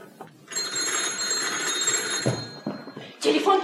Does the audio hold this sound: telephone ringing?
yes